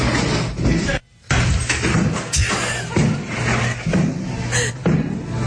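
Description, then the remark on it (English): Thick, hollow plastic thuds as a Whataburger manager strikes a person on the ground with an empty plastic trash can, repeated irregularly amid loud, chaotic commotion and raised voices, with a brief pause early on. “That's actually the manager hitting the person who's on the ground with the trash can. It's a plastic trash can.”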